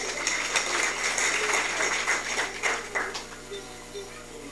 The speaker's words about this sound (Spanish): ¡Fuertes aplausos!